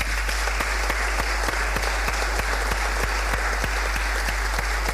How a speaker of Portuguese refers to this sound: Uma salva de palmas.